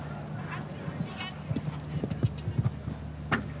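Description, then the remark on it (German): Horse hooves clip-clop in a steady, uneven rhythm as a horse moves along during a show jumping round, heading toward the water jump, moderately loud, with a muffled voice faintly audible in the background. “Ja, doch mit etwas größerem Aufwand gestaltet dieser Ritt hier.”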